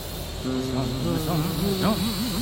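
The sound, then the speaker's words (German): A wavering, nasal buzz hums steadily, its pitch sliding up and down like a small drone flitting about; it sounds like a voice imitating the buzzing over a faint background hiss. “Drohne summt herum.”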